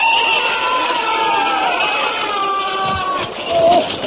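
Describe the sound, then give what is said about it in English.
Soldiers shouting during bayonet practice: a loud, continuous mass of overlapping yells and cries, holding steady for several seconds before swelling briefly toward the end. “I was rather shaken by that terrible noise. What are they doing out there? Bayonet practice, of course.”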